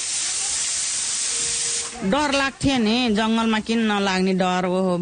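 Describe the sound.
A pressure cooker in Mahdi, whistling while potatoes are cut for dinner, lets out a loud, steady hiss of steam for about two seconds, then a person's voice takes over with wavering, sustained tones that continue to the end.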